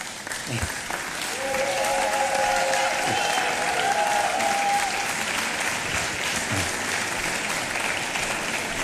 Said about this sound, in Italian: È il momento quindi di far arrivare sul palco questo riconoscimento appunto della città. Eccolo qua, un applauso.